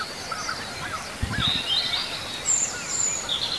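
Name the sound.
european robin singing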